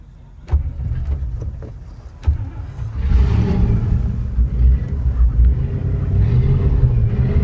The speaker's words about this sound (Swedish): Ja, jag tänker, vi ser, men jag skulle gärna höra, får vi höra motorljudet? Ja, då kan vi göra det. Vi startar.